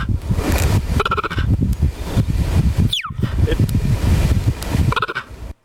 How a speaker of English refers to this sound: Is it a cheetah? Absolutely right. Bingo, it is a cheetah. Bingo, cheetah. Nicely done. I didn't know they made that little chirping noise. I never knew that before.